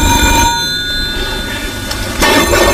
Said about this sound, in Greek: Πάρ' το τηλέφωνο, ρε.